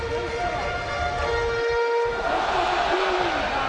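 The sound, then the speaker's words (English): A baseball stadium crowd cheers on a Tuesday night as the O's look to continue a rally, a steady, dense roar that holds at an even, fairly loud level for the whole stretch, with a faint hum of indistinct voices mixed in. “Crowd is in it here on this Tuesday night.”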